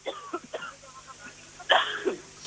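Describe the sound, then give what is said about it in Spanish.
A short fit of coughing: a few quick, light coughs followed by a louder, harsher burst, with no talking. “Bueno, ha dado un golpito sí. De tos”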